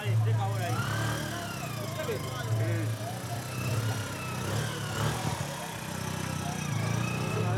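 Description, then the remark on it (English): A boda boda, a local motorcycle taxi bringing goods along a narrow road, drones steadily with a low, continuous engine rumble throughout, while indistinct voices murmur over it. “This is a boda boda, which is a local type of taxi. And somehow they're bringing everything on a motorcycle on this narrow road.”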